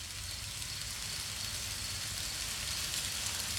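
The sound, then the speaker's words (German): Recorded rain sounds played through an Alexa smart speaker on voice command: a steady, dense hiss of falling rain over a low rumbling hum, constant in level throughout with no voices. “Alexa, spiele Regengeräusche.”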